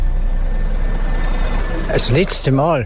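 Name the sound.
bus engine pulling away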